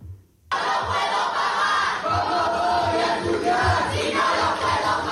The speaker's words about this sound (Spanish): Y el acto oficial del inicio de curso de la Universidad de Sevilla, el Pablo de Olavide, ha sido suspendido cuando el consejero de Universidad, Jorge Paradela, fue interrumpido por abucheos de estudiantes desde el Paraninfo.